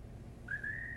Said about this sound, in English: Remember when I used to say that bird was the lonesomest sound I'd ever heard?